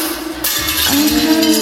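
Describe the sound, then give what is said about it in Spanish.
Glass clinks, then abruptly crashes and shatters, loud and bright, with ringing, tinkling fragments carrying on for about a second afterward. “Cuidado, Samuel, no vas a romper el vidrio”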